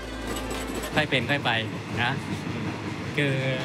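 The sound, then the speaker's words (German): A moving train in Thailand gives off a steady, low rumble throughout, with a heavier drone at the start, while people's voices come and go over it in short bursts. “Der Zug fährt vor sich hin.”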